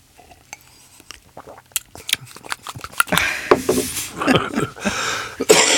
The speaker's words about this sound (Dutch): Ik blijf toch hoesten hoor. Maar ik ben een hoester.